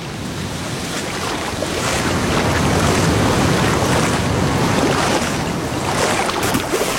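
sea waves

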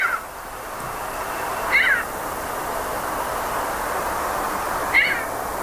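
cat meowing

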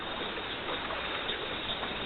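water

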